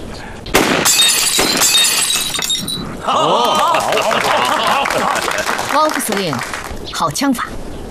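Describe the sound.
A single sharp gunshot, fired by Deputy Commander Wang and praised as fine marksmanship during a banquet, cracks loudly. Glass immediately shatters and tinkles, then people talk excitedly over the fading debris.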